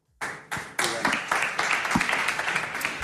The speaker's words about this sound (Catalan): no sé si els aplaudiments eren per tu, per la darrera pregunta, o